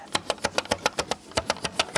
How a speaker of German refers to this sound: Lassen Sie uns Ihren Nacken hinunterwandern mit dem ASMR Studio Edition. ASMR. Radio Vorarlberg Edition. Regler und Knöpfe.